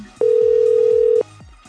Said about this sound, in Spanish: Pero a ver, vamos a marcar. Tan, tan, tan, tan, tan. Ya estamos marcando de los que se registraron a través de WhatsApp. Tacatán, tacatán, tacatán.